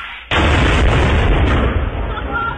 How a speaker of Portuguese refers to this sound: É granada, porra!